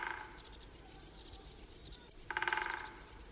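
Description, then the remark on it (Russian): A woodpecker drums on a dry branch of a tree by the road in a forest on Valaam island in sunny weather: a quick rattling roll of taps that swells loudly near the end after quieter, pulsing knocks earlier, set against a faint outdoor background with no talking. “Вот этот дятел стучит, он обычно садится на сухой сучок и выстукивает дрели вот на том дереве у дороги.”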